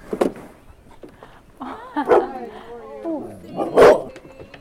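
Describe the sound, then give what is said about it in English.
A dog barks three times at uneven intervals, with sharp bursts, and softer whiny, tonal yelps drawn out between the second and third barks. “And there's a dog.”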